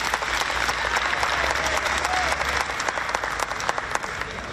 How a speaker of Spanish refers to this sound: Un aplauso para Corpoacero, 51 casas donadas.